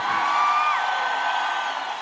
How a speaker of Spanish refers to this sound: Aquel que nada ni nadie lo detiene, da un grito de guerra. ¡Fuerte! ¡Grito de guerra!